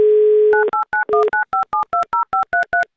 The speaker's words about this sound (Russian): Набрали номер телефона